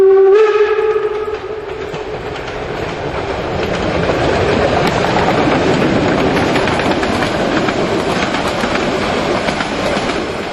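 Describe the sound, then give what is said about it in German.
A steam locomotive opens with a loud, steady whistle lasting about a second and a half, then gives way to a continuous heavy rumble and hiss of the engine running, with no voices. “Auch heute ist das Interesse an Dampflokomotiven ungebrochen.”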